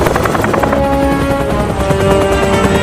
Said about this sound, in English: hovers the helicopter over the large animals.